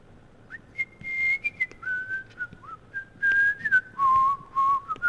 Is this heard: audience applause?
no